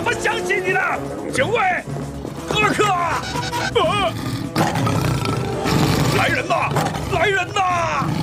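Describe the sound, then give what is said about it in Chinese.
A lion, King Roya from Garfield, captured by hunters and caged, roars loudly and at length. It is a deep rumbling growl that fills the whole stretch, with excited voices and shouts sweeping over it. “哦，看呐，哇，这么大的！加菲猫那头狮子，罗牙国王。”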